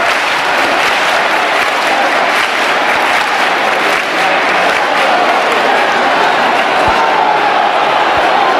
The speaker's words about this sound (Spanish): aquí todo el mundo con la emoción desbordada, los aplausos para recibir al sin pecado y para que dé inicio la procesión de la Virgen del Rocío, con cientos de miles de personas en esta aldea. Escuchamos las palmas también para recibir al sin pecado.